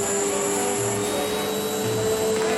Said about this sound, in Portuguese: Isso, agora pega o aspirador de pó e aspira toda a poeira da vitrola. Vamos lá, isso.